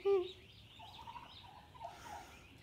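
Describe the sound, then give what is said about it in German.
A hen calls out with a loud, brief burst, then keeps up a series of softer, warbling clucks and murmurs at a higher pitch, calling to lure the other chickens to her. No one speaks over the sounds. “Das ist so süß, wie die sich freut, die Henne, ne? Echt so. Also diese Geräusche und also sie ist ja wirklich so, oh Gott, entzückend.”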